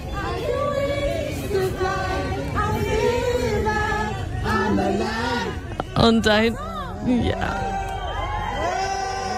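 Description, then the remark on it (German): A crowd of fans in Paris sings together for a star in wavering, overlapping voices, with bursts of cheering and whoops rising over the steady loud chorus, while a person briefly speaks over it. “Die Fans singen sogar für sie.”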